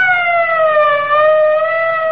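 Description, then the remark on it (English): A loud police siren wails steadily as the police arrive, its tone dipping slightly and rising again over a couple of seconds, with no voices present. “Here's where the cops come in.”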